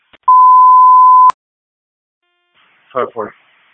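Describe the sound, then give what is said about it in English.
A fire control alert tone test sounds once on a dispatch radio: a loud, steady electronic beep lasting about a second that cuts off with a click, followed after a pause by a short burst of radio speech. “Fire control testing.”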